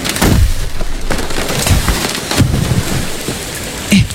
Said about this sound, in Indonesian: Kalian dengar suara pohon tumbang gak?